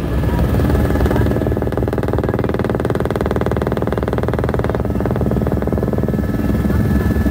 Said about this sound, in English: As we resume our flight, the pilot points out another helicopter above us. The load slung under the chopper are the remains of someone who's perished in the tragedy. This is the only way to shift bodies to a central location.